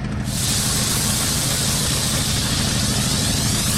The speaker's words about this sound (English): We place the steam right on the gum and inject the chemical and motion. And it basically dissolves the gum in seconds.